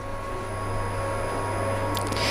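A vacuum cleaner runs steadily, a constant whooshing drone with a low motor hum. A brief burst of higher hissing and rattling enters near the end. It is running at the Cologne Opera during the last preparations for its reopening.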